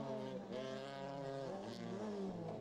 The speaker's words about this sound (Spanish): El auto que acaba de pasar allí frente a la cámara